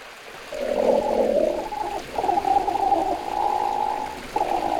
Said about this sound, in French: Ah, j'entends un grognement. Ça, c'est un ornithorynque. Pour le voir, direction l'est de l'Australie. C'est là qu'il vit, le plus souvent dans l'eau.